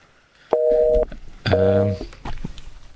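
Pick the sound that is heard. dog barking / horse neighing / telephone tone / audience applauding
telephone tone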